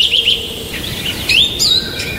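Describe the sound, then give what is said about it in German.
Birds chirp and sing in short, bright bursts, several quick tweets repeating over a soft outdoor background hiss, with no one talking. “Und wenn ich jetzt hier das Vogelgezwitscher ein bisschen sympathischer ist als irgendwie das Bürogepiepsen, dann gehört ihr im Fall zu der Mehrheit.”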